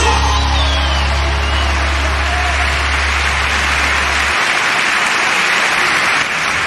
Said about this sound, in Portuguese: Quem é alguém no coração de Deus, aplauda ele aí.